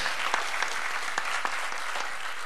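An audience applauds steadily, a dense wash of overlapping hand claps with a few sharper individual claps standing out, sustained at an even level throughout with no talking.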